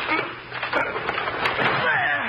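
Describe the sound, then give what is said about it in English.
A locked wooden door is forced and broken in by two people pushing with their shoulders, with loud splintering and crackling wood, sharp snaps punctuating a continuous rough, grinding crunch that lasts a couple of seconds. “Well, we've got to break the door down.”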